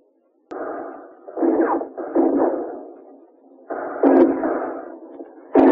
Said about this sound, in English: Through the roof, Alcatraz guards and Pacific veterans of the United States Marine Corps drop hand grenades.